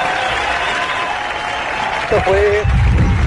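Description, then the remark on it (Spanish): A steady wash of clapping from an audience fills the whole stretch, dense and even, with a brief tonal whine and a louder rumbling burst near the end. “Denle un aplauso.”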